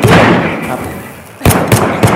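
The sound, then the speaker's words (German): A loud, booming burst fades out, then three sharp, forceful gunshots crack in quick succession, with no talking over them. “Runter auf ihr Schuss.”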